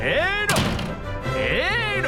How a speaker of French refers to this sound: Moi aussi, je peux en claquer des portes. Il y en a plus de 2000 des portes à Versailles. Et oui, j'ai l'embarras du choix. Et voilà une porte.